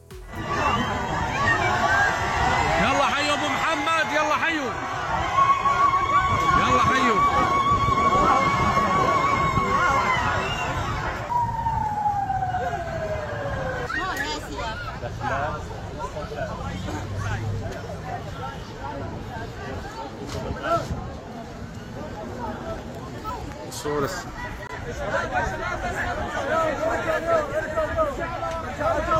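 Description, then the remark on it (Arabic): A dense crowd in Deir ez-Zor, Syria, welcoming President al-Sharaa on his arrival, cheers and shouts throughout, with a sustained high trilling ululation rising above the din in the first part, then a gliding call before the noisy hubbub continues. “لحظة وصول الرئيس الشرع إلى دير الزور أظهر ترحيب الديريين فيه بين هتافات وزغاريد”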